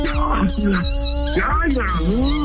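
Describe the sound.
A small female dog gives short, high whining howls in several rising and falling bursts while people talk over it.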